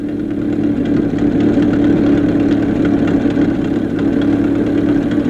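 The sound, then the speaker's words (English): A car engine chugs along steadily over the desert at a low, rumbling pitch, loud, with a constant vibrating drone and no pauses for about five seconds. “Let's join Adam and Skinny as they chug along over the desert.”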